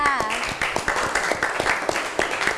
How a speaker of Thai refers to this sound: ค่ะก็จบไปแล้วนะคะสำหรับการนำเสนอของอีกกลุ่มนึงขอเสียงปรบมือให้ตัวแทนหน่อยค่ะ